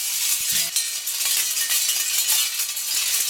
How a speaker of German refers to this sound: Blechstreifen bewegen sich im Wind und machen Krach.